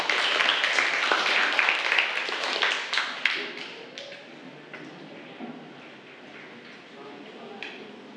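Classroom applause: a dense burst of many hands clapping for about four seconds, then thinning out into a few scattered, quieter claps with faint background murmur.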